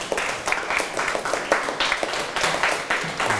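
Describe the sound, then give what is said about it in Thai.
A class of students claps for themselves after answering quiz questions correctly, a dense, steady patter of many hands that keeps going throughout without any voices over it. “เก่งมากๆเลยครับปรบมือตัวเองดังๆเลย”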